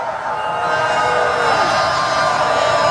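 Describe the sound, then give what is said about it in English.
A large crowd boos a speaker off the stage, loud and steady, a dense, continuous roar of many voices that holds without letup for the whole three seconds. “Crowd is just mercilessly booing him.”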